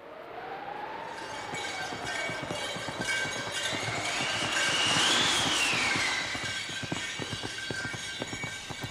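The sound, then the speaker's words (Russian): Rapid, rhythmic hoofbeats of fast horses galloping at a steady pace, carrying a woman to Siberia, loud, with a rattling, rolling undertone and a rising whistle-like tone drifting above, no voices. “И вот уже быстрые лошади мчат ее в Сибирь.”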